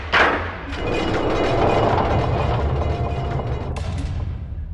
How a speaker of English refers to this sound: Closing the door.